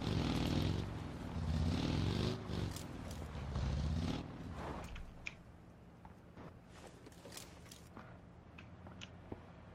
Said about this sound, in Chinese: 有车来了。 来了。